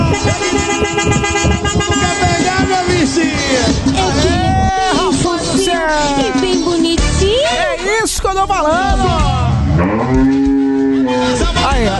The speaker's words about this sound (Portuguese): você aqui é diferenciada, essa buzina aí